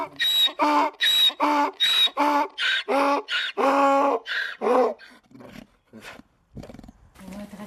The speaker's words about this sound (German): Im Dorf gehen wir zu Fuß. Die steilen, steinigen Wege werden für Autos viel zu schmal. Es sind die Esel, die man hier hören kann, und keine Motorengeräusche.